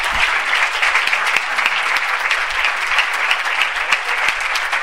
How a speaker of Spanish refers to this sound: Muchas gracias y un fuerte aplauso